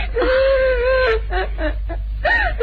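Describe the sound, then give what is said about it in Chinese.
A child cries: a long, wavering wail gives way to short, broken sobs, then a final whimpering cry rises and falls. No one speaks over it. “别哭了，你是好孩子。”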